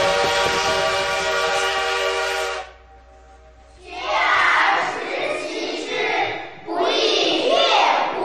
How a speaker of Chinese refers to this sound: 此刻，不知蒸汽机车的轰鸣给这个男孩带来了多大的震撼。